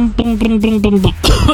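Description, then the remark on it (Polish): A voice imitates the engine of a small old Fiat 126p car, with a loud, steady chugging hum pulsing in quick beats before it breaks into a rough, cough-like rasp at the end. “Tak robi mój maluch.”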